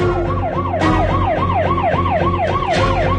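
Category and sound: signal or alarm, police siren approaching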